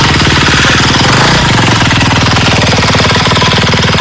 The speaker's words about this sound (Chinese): 整个的一个战法就是一台挖机到2台挖机快速往里推进，了解最前方的任务情况，好部署下面挖机，剩下挖机摆开慢慢往里。 多点分散的。 多点分散，我们叫蚂蚁搬家法。